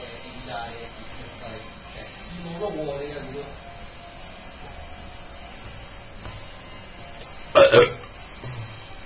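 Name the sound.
fart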